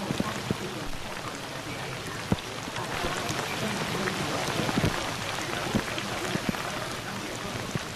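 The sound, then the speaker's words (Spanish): Hail pelts the glass windows of a cabin during a race, a dense, steady rattle broken by sharp individual cracks as larger stones strike, continuing without a pause. “cómo suena el Granizo golpeando contra los cristales de aquí de la cabina.”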